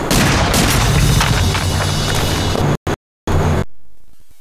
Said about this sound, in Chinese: 坏了，鬼子听见枪声，赶过来了。